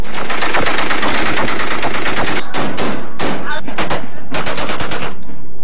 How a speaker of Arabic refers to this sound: من المهم الخلاص من بعض السلبيات والإشكاليات التي تترافق مع الاحتفالات والأعراس، ومنها إطلاق النار للذخائر الحية.